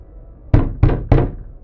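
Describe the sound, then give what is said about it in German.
Three firm, evenly spaced knocks on a wooden door, close and loud, each a dull thud with a short ring-out, and no voices. “Wer ist da? Öffnet die Tür!”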